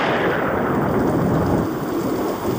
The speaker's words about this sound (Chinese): 起乌云只代表了一件事， 等一会儿会下大雷雨吗？